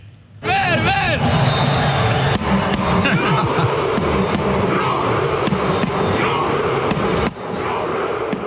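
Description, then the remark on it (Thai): A loud stadium crowd of Norway football fans at the World Cup roars and cheers continuously during the Viking row (Viking boat-rowing) celebration, led by captain Martin Ødegaard with his teammates, after a 3-2 win over Senegal secured the round of 32; dense shouting with scattered sharp claps or thuds cutting through the din. “นี่ถือว่าเป็นอีกหนึ่งโมเมนต์แห่งความประทับใจเมื่อมาตินโอเดการ์ดครับกัปตันทีมชาตินอร์เวย์นำเพื่อร่วมทีมทำท่าไวกิ้งโรหรือท่าพายเรือไวกิ้งร่วมกับแฟนบอลฉลองการคว้าตั๋วผ่านเข้าสู่รอบ32ทีมสุดท้ายหลังจากเอาชนะเซเนกัลได้ในนัดล่าสุดนะครับ3-2”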